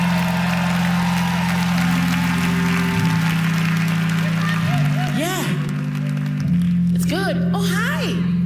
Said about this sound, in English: So give yourselves a round of applause right about now.